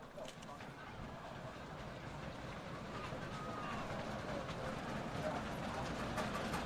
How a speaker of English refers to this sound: Fans stomping. And you can hear it